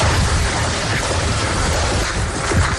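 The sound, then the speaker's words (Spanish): Distant gunfire crackles in muffled bursts over a steady, rumbling wash of noise, with low booms rolling underneath and no voices, as US special forces approach a battle in Nisrab, Kapisa province, eastern Afghanistan. “Mientras rondas de disparos se escuchan en la distancia, las fuerzas especiales de Estados Unidos se acercan directamente al punto de batalla.”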